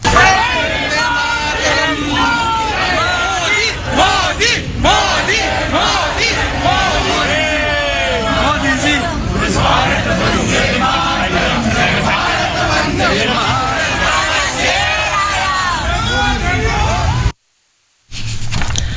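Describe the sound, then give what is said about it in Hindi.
A large crowd loudly chants slogans of "Modi" and "Vande Mataram" on Prime Minister Modi's arrival in the Netherlands, many voices shouting together in a dense, continuous roar that breaks off abruptly near the end. “वज़ीर-आज़म मोदी के पहुंचने पर मोदी मोदी और वंदे मातरम के नारों से फजा गूंज उठी।”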